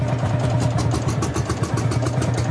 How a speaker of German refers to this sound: Der Sound der Reisegruppe Traktor ist schon heute Morgen kaum zu überhören. In Guben lassen ältere Männer ihre noch älteren Maschinen knattern. Das ist ein Hanemack, Baujahr 1948.